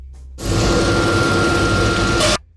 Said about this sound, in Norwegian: Jeg gleder meg at dere skal få høre navletrompeten min. Kan jeg spille en lyd til?